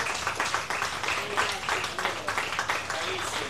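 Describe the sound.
A crowd at the Kappa Circus event applauds steadily, dense clapping filling the whole moment at a fairly even loudness, with faint voices and cheers mixed into the noise.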